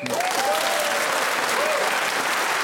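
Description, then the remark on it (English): A whistle blows twice, signalling that the 60 seconds of a round in a game have elapsed: a long sliding tone followed by a shorter one, partly buried under loud, steady audience applause that fills the whole clip. “Well, that whistle tells us the 60 seconds have elapsed, and whoever is speaking at that point in this game gets an extra point.”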